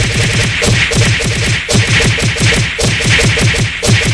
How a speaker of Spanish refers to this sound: una lluvia de cocazos para mi hermana. Órale, va, que se aliviane.